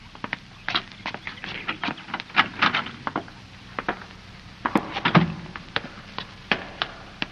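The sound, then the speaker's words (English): A cellar door being opened: a run of sharp clicks, taps and wooden knocks at an uneven pace, like a latch and handle being worked. No voices. “There's a door. That must be the cellar. We'll try it.”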